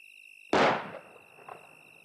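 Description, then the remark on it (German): A single sharp gunshot from a house cracks out, loud, with a rumbling tail that fades over half a second and a faint echo about a second later, over a steady high insect-like drone. “War das ein Schuss?”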